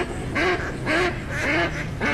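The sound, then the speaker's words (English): A duck quacks four times in a steady, evenly spaced rhythm, each nasal call clear, with a faint outdoor background hum and no talking. “You hear that? Now that's music to my ears. Time to gear out for bird season.”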